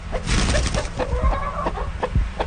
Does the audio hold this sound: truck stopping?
no